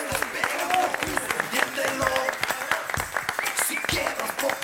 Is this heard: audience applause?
yes